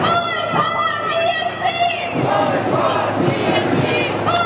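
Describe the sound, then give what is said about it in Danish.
A large crowd of protesters at a demonstration in Vienna against Israel's participation in Eurovision chants loudly in unison a slogan to boycott Israel and boycott Eurovision, voices rising and falling rhythmically, with sustained shouting throughout and a steady roar of many people behind it. “Boykot Israel og boykot Eurovisionen, råbte demonstranterne.”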